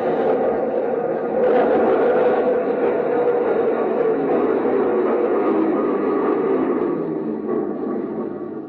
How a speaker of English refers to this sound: When the train stopped, he went in through the center door.